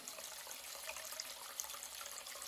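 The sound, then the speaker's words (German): Water runs steadily from a tap into a plugged washbasin in a wash house, a continuous hissing splash with small bubbling flickers, filling without pause and with no voices. “So, ein Stöpsel rein. Wasser ins Waschbecken. Ein Mini-Swimmingpool.”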